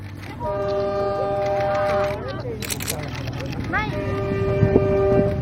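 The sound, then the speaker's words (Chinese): A suburban train on the S2 suburban railway line rumbles past while its horn blows two long, loud blasts, the second starting with a sliding pitch and holding steady over the steady rolling noise of the cars. “从 S2 经过的时候，照片非常好看的市郊铁路 S2号线，我们叫开往春天的列车。”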